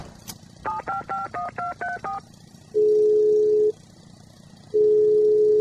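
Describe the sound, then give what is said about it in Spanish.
After a brief click, a phone number is punched in with seven quick, evenly spaced touch-tone beeps, then two long, steady, lower ringing tones follow with a pause between them. “Es más, ya mismo es que lo voy a llamar.”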